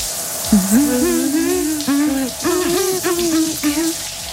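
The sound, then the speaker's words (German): A steady hiss of running shower water fills the background while a voice hums a wordless melody over it in sliding, sustained notes, fairly loud; a song being performed under the shower. “Deswegen, Leute, wir hören noch mal weiter unter die Dusche rein.”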